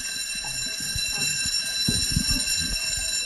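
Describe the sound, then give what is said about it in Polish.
A school bell rings continuously, a steady, shrill metallic buzz that holds without a break for the whole stretch, with faint low chatter and movement underneath. “Dzwonek, jedna z najbardziej ulubionych rzeczy w szkole.”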